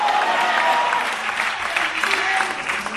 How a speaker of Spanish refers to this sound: Pero esta noche aquí le decimos, dele fuerte ese aplauso al Señor en esta hora, a su nombre, a su nombre.